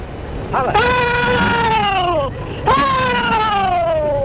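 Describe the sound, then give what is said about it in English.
Confederate Civil War veterans, all in their 80s, perform the rebel yell at a Civil War memorial event recorded in the 1930s: two long, loud, high-pitched wavering cries, each rising sharply then trailing slowly downward, separated by a brief pause. “One by one, the old veterans perform their war cry, which was last heard on a field of battle over 150 years ago.”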